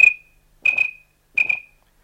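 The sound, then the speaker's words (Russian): Three short, high, steady whistled notes, each with a slight doubled pulse, spaced evenly apart with silence between. A person whistles to imitate a bird's own call in order to lure the bird; no one speaks. “Иногда удается подманить птицу дудочкой или губами, подражая ее же свисту. Вот так.”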